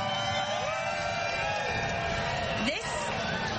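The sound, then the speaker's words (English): A packed crowd in a historic racetrack grandstand fills the air with a steady, dense murmur of overlapping voices, constant, with one brief rising shout breaking through near the end. “But guys, this historical grandstand is absolutely packed and thriving with people. If we can get a little crowd noise out here, I'm going to run up.”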